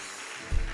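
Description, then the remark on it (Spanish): A church audience applauding at the preacher's urging during a sermon, a dense wash of many hands clapping at steady volume, with a low thump partway through. “Dios mío, por lo menos 10, dígame un amén, aplauda, entusiásmeme, diga algo.”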